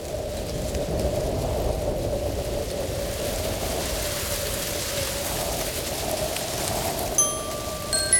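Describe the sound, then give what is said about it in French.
Wind rushes steadily through trees in the woods in a continuous, even rustling hiss that never lets up, with a few brief high chirps near the end. “Il écoute le vent dans les arbres.”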